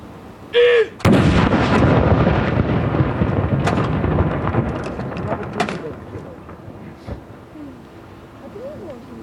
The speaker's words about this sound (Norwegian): Jeg ser også nede på kaia her, rett nedenfor Akershus festning, så står det folk og ser opp hit. Stille og rolig og få med seg saluttene derfra nede på kaia. Andre kanon!